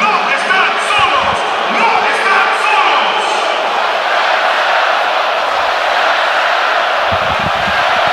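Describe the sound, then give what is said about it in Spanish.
A large stadium crowd roars continuously, chanting "no están solos, a Venezuela" and applauding in a dense, steady wash of noise that stays loud throughout, with occasional sharper thumps and whoops rising from the mass. “Bien a las gradas que gritan: no están solos, a Venezuela.”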